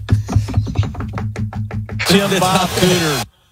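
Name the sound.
knocking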